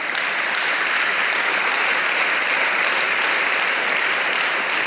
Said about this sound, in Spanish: Pero ¿sabe qué? Dele palmas al Señor.